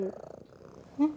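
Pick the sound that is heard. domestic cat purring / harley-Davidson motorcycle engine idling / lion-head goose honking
domestic cat purring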